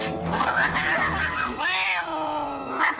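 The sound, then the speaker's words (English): Two cats fight, one of them a little tomcat, trading long, wavering yowls and howls that rise and fall in pitch, loud and continuous for a few seconds with no talking. “Right now, you're beating up Helen's little tomcat.”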